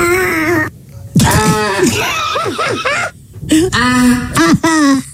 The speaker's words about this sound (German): Eine wirklich sehr lustige Challenge auf TikTok. Erst kräftig ausatmen, da muss wirklich alle Luft raus. Mhm. Und dann schreien. Das klingt auch so richtig gefährlich.